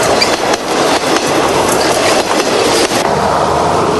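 A loud, sustained metallic rumble and clatter of a train rolling over a bridge across a river flowing through the capital of Vietnam, taking several minutes to cross, with rhythmic clanks from the wheels and no voices.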